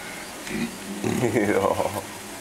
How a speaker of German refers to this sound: Ich fühlt sich wohl, wenn du so brummt, ne? Dann ist Freude angesagt. Ist ja klar, bei dem Frühstück hier.